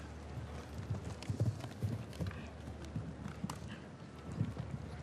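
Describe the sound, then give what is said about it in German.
A horse's hooves pound the ground at a steady gallop as it is ridden toward the first Irish bank jump on an equestrian course, a quick rhythmic series of dull thuds with a low rumble and wind noise underneath. “Also, es hat das Pferd hier einen wahnsinnigen Satz gemacht.”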